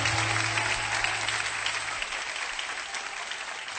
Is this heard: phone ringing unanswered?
no